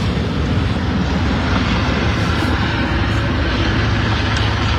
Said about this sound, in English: We're just going to wait for that. They wait for the helicopter to go by. It's important government business, probably.